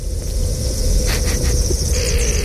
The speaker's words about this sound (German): Also der Entengesang hier, das ist tatsächlich der Gletscher. Genau, also es klingt mega gespässig, aber auch super schön, oder? Wie eine Sprache fast schon.